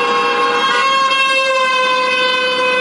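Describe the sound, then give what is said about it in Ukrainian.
A loud, unbroken blare of car horns sounds for the full few seconds, with several honks merging into one steady wall of tone and no voices, as drivers in city traffic honk in support of a rally by relatives of captured and missing Ukrainian defenders. “На час акції рух серед містям не перекривають, а лише закликають підтримати сигналами її учасників.”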